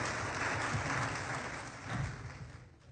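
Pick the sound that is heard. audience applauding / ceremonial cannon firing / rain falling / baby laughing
audience applauding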